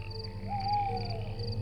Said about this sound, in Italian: Questa sera la cicala si prepara a salire sul palco per il suo momento di gloria. Dopo 6 anni sottoterra, la cicala sta uscendo dal suo buco.